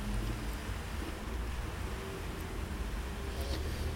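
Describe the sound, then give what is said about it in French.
A large yellow drinks delivery truck rumbles steadily along boulevard Saint-Germain in increasingly heavy rain, its deep engine drone filling the low end with a constant wash of traffic noise for several seconds. “Un gros camion jaune, livreur de boissons, prend le boulevard Saint-Germain.”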